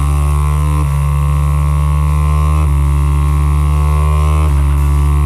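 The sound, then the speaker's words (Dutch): A steady electric whir from a small battery-powered motor inside a gift, constant and tonal with a faint pitch shift every couple of seconds, running alone without any talking. “Ja, het klinkt als een motortje of zo, maar... Ja, ja, dat zit er wel in. Er zit een motortje in.”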